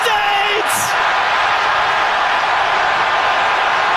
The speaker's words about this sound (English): You can just feel the release, the excitement. San Francisco and the crowd went wild as Malik Tillman's free kick gave the U.S. a 2-0 lead.